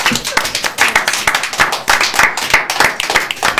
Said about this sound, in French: Bravo. On peut les applaudir.